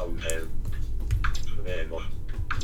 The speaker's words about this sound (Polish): Tak, teraz ja to klawiaturą robię. Mogę tu wejść enterem.